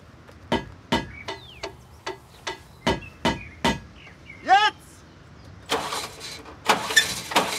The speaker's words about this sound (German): Wenn ich jetzt sag, dann startest mal einen Motor. Und bitte drück die Bremse.